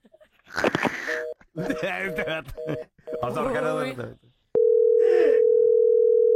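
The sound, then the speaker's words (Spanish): Voices talk over short, repeated electronic beeps, then a click and a loud, steady telephone dial tone takes over and drones on without a break, as if the other end has hung up. “¿Por qué me cuelga?”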